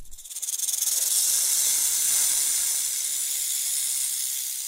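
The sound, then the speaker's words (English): A snake's sustained hiss, a bright, breathy rush of high-pitched noise that swells quickly and holds steady, with no voices present. “And hikers urged to watch out for snakes in forests as sunshine returns.”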